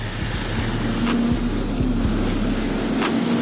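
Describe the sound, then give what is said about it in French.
A turbo motorcycle engine pulls steadily at mid revs in fifth gear at 70 km/h, its low, even drone holding a constant pitch beneath a broad wash of road and wind noise, with a few brief knocks and clicks. “C'est qu'elle est très utilisable, elle est gorgée de couple à mi-régime, elle reprend très facilement.”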